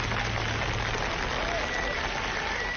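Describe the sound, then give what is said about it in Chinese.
A steady wash of audience applause fills the whole stretch, dense and continuous with many hands clapping at once, fairly loud and even throughout. “掌声有请两位。”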